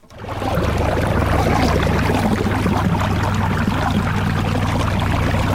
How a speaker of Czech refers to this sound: A voda už začíná přitékat právě teď ze vpusti. My jsme na dně zatím ještě prázdného velkého bazénu